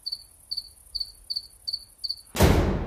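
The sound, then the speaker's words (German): Cicadas sing in a steady rhythm: six short, high buzzing chirps evenly spaced, with no voices, until a sudden loud rush of broad noise swamps them near the end. “Vom Ebenmaß der Renaissance-Säulen und vom Gleichmaß des Gesangs der Zikaden, welche beide uns sinnenhaft begreifen ließen, dass es nur die Erfahrung der Dauer ist, die den je einzigen Moment einzigartig werden lässt.”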